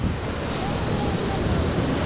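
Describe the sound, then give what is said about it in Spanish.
Ocean waves wash steadily onto a beach in Santa Marta, Colombia, in a continuous, broad rushing roar, with a gusty wind-like hiss layered over the surf and no clear break between swells. “El sonido de las olas rodeando tus pies, mezclado con un buen sol, hacen que la experiencia en la playa sea perfecta.”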